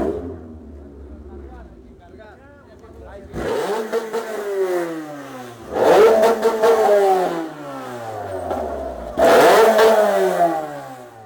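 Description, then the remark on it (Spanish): Genaro Finós's Fórmula Entrerriana racing car roars in as it arrives after he finished second in the Sunday heat, revving hard in three loud bursts with falling pitch between each, after a quieter few seconds of low engine rumble and voices in the background. “Después terminó segundo en la tanda del domingo y vemos el coche cuando llega.”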